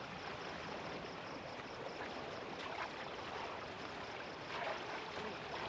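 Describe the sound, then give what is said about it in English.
A boat sails steadily across a lake toward Gadara, at the other end of the lake, with a continuous rushing wash of water against the hull. It stays fairly loud and even throughout, with no voices. “and they sailed on towards Gadara, which is at the other end of the lake.”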